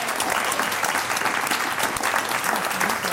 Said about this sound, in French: Donc on vous applaudit pour l'effort.